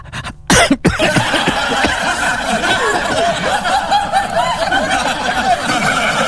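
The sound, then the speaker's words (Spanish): A brief, sharp cough bursts out near the start, loud, then gives way to a steady, busy background hum of noise and muffled voices. “llegaba a toser uno, ya.”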